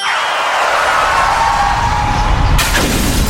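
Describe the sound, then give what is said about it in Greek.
A car windshield shatters with a sudden, loud crash near the end, breaking over a steady engine roar and a falling whine. No one speaks. “Πάει το μπαμπρίς. Ποιος τον ακούει τώρα?”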